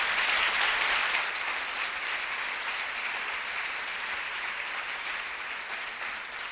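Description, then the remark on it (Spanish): A crowd at a concert broadcast by Emisora Minuto de Dios from Barranquilla, Atlántico, applauds for Jesus steadily for several seconds, a dense, even wash of clapping that starts full and loud and eases off slightly toward the end, with no voices over it. “El aplauso para Jesús, el Señor.”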